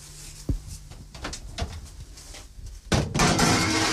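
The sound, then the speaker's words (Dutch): An oven door thuds shut after a few soft knocks and clatters of a dish of apple slices with butter and cinnamon being slid inside to bake for about ten minutes, followed by a steady, loud rushing hum that continues to the end. “En nu zal ik de schaal in de oven steken.”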